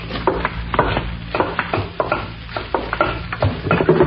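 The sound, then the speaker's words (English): A long spoon scrapes and swirls around inside a pot of soup in a steady, repeated stirring rhythm, with soft bubbling and sizzling underneath and no voices. “I'd better get a long spoon to stir it with.”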